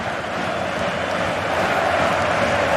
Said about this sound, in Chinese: 视频裁判组也没有介入，伊普斯维奇的球迷已经在波特曼路球场开始欢呼了。